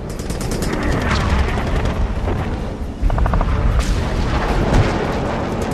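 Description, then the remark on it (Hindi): Sustained rapid machine gun fire from an aircraft aimed at an enemy plane in aerial combat, a dense rattling burst over a constant low engine roar, with a brief dip just before the firing resumes as loud as before. “दुश्मन का ये वाला जहाज बिल्कुल सामने है। निशाना लगाता हूं।”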